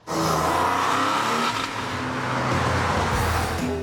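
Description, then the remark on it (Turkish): A convertible Porsche 911's engine revs loudly and steadily on a test drive, its deep growl rising and falling as the driver works through the six-speed gearbox, with a brief tire squeal near the end. “Ve o ünlü 6 vitesli şanzıman. İşte bu duymak isteyeceğiniz ses.”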